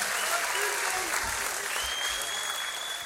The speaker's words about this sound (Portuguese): Palmas para vocês mais uma vez.